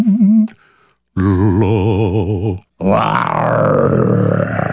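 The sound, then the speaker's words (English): A person vocally imitates a lion with three loud, growling roars: a short opening burst, then a long wavering rumble, then a harsher, raspier roar that trails off after a brief pause. “I love my voice when I do a lion.”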